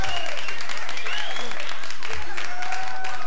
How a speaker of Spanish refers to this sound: Ahí están los aplausos para la reina del hogar.